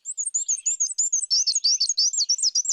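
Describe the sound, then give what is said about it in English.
A male black-and-white warbler sings a fast, high-pitched, wheezy series of repeated two-note phrases, steady, rhythmic and clear, with no other sounds around it. “But they breed in North America's deciduous forests, where males sing a repetitive, high-pitched, wheezy, wheezy, wheezy song”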